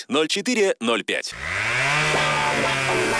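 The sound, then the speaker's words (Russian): A man speaks briefly, then a chainsaw roars to life, its engine revving and rising in pitch as it runs steadily and loudly to the end. “СК-10. Пилит цены.”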